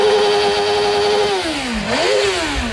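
A loud motorcycle engine in Alcañiz, Aragón, during the Michelin Aragon MotoGP Grand Prix, holds a high, buzzing whine, then its pitch dips briefly and climbs again as it revs back up, with no voices present.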